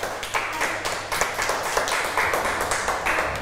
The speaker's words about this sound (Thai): ขอเสียงปรบมือให้เพื่อนด้วย